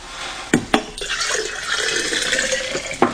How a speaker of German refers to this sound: Und ein Krug kühles Wasser bringe ich dir auch noch. Deins ist ja schon ganz warm. Das schütte ich aus.